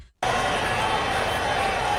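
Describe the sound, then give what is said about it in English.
After a brief silence, a huge stadium crowd erupts into a loud, sustained roar of cheering that holds steady, a dense wash of many voices with no single speaker standing out. “Nothing is better in sports than your team getting a score and hearing the crowd roar as the commentators animate.”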